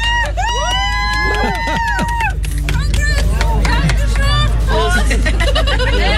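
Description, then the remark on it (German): A lively group of friends cheering and chattering at once for two people who have just finished 65 kilometres, with overlapping excited voices, whoops and a constant babble over a steady low rumble. “Ja, kaltes Bier, jubelnde Freunde und 65 Kilometer hinter sich.”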